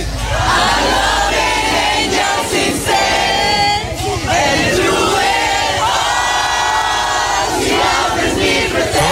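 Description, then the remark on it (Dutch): A large crowd of fans sings together out on the street outside a cancelled concert, many voices blending into one loud, continuous and slightly ragged chorus that keeps going without a break. “Samen zingen op straat.”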